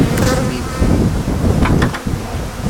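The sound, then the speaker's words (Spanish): A dense, steady drone of many honeybees buzzing at a beehive, a continuous low hum with a few brief higher whines as individual bees pass. “Ahora para que la gente que no ha tenido la oportunidad de bajar pueda ver las abejas.”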